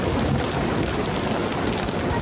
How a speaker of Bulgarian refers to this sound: Мощната буря не подмина и Созопол.